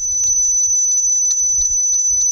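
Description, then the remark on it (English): A Florida bonneted bat call recorded with an echo meter microphone: a steady, shrill high-pitched tone with faint brighter pulses recurring through it, over a soft low rumble and no talking. “This is a call Ridgely recorded with an echo meter microphone.”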